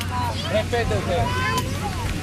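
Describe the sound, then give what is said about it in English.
A crowded waterside pier on the tiny island of Tabarca: overlapping chatter from many people mixes with a steady low boat-engine hum and breezy open-air noise, continuous throughout. “The pier is very crowded.”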